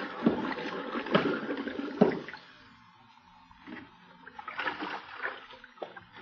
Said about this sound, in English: What's that? What's what? Listen. Them bubbles. Them air bubbles, can't you hear? Pipe down. Listen to them.